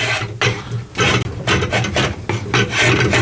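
Repeated rough scraping strokes of a two-handled drawknife shaving excess wood off a clamped piece of dried wood in a small workshop, each pull a broad rasping swish, about six strokes in steady rhythm with a low hum underneath and no talking.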